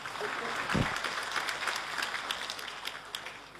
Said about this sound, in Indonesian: Wah, kita tepuk tangan dulu.